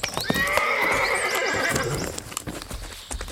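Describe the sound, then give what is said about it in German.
Bibi and Tina arrive on their horses: a loud, high neigh rings out over steady clip-clopping hooves, followed by a few more scattered hoof knocks as the whinny fades. “Da, endlich kommen Bibi und Tina auf ihren Pferden.”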